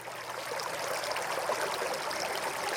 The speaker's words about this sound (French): On va s'imprégner de l'ambiance, de l'atmosphère de ce lieu. Et vous entendez des bruits d'eau, parce que de cascade il s'agit bien sûr.